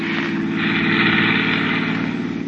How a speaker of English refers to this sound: Up on the road. Get up on the road. There's a car coming.